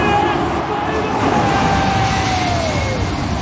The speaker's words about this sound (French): Ce que vous entendez là, ce sont deux gros avions de ligne. Ils sont passés hier à seulement quelques dizaines de mètres du toit du stade du Cap en Afrique du Sud.